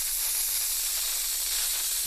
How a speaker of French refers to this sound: En fait, c'est une pompe pour gonfler les ballons en baudruche